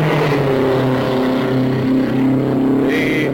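Race car engines roar steadily and loudly throughout as the cars run on a race track, dropping down along the white line, a dense buzzing drone with layered harmonic tones and only slight pitch shifts as they pass. No voices are heard.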